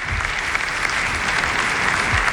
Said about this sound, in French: Léon XIV applaudit par toute l'assistance et qui remercie d'un signe de la tête.